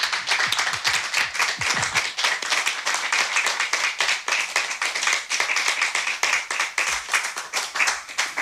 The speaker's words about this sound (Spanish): Y para que se sepa que en la sala hay gente, pues vamos a aplaudir a los compañeros que van a participar.